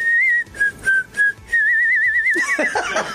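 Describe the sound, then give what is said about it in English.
Someone whistles a short melody, a few clipped notes followed by a long wavering held note, then the whistle breaks into a brighter, fluttering run at the end. “I whistled the melody because I couldn't sing it.”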